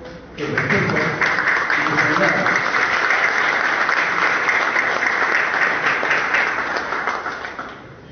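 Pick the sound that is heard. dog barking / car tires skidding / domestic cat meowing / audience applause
audience applause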